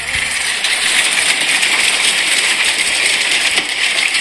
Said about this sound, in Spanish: Sí, acá me están mandando a videos, granizo en Belville, empezó en seco, a ver.